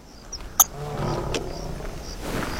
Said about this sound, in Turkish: Aslanlar. Tam önümden bir aslan kükremesi geldi.